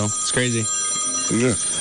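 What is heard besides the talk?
phone ringing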